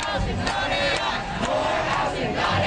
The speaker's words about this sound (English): Hundreds of demonstrators marched through downtown Vancouver protesting against two proposed AI data centers in the city.